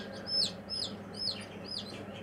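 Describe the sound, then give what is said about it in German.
Newly hatched ducklings peep in high, thin, downward-sliding calls, about four in quick succession, over a low, steady background rumble with no talking. “Die Entenmannschaft braucht aber noch Verstärkung.”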